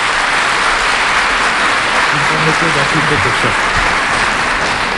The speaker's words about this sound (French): Vos applaudissements me font plaisir, mais j'explique toujours aux enfants le vrai sens de l'applaudissement quand nous sommes, dans une assemblée chrétienne. La main la plus élevée représente Jésus. La main la plus basse représente le chrétien.